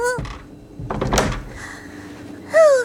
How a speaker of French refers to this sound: Ferme vite la porte! Elle arrive!